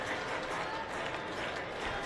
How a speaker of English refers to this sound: This big crowd is into it.